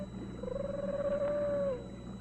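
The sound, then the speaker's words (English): A bobcat lets out a single drawn-out, mid-pitched wailing cry that holds steady, bends slightly upward, then trails off, over a low steady background hum with no talking. “No, it's a bobcat.”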